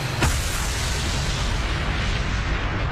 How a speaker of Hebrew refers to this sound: הכוחות עזבו את המוצבים בזה אחר זה, וכדי למנוע מחיזבאללה תמונת ניצחון, הטמינו חומרי נפץ ופוצצו את המוצב.